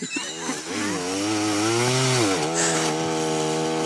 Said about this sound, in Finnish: Miksi se leikkaa tolleen kiinni? Miksi se vähän, välillä. Niin se vähän työntää sitä sahaa liikaa sinne. Sen pitäisi antaa sen sahan itse tehdä sitä työtä. Et sä oo sahaamassa, vaan se saha on sahaamassa.